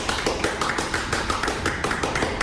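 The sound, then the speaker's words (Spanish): An audience in their sacred temple applauding, their claps falling into a steady, rhythmic beat of about four per second over a dense wash of scattered clapping, with no one talking. “Aplaudamos todos, por favor.”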